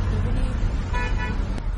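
Steady low road rumble of quarantine vehicles passing during the coronavirus outbreak, with a couple of short horn toots rising over the traffic midway through.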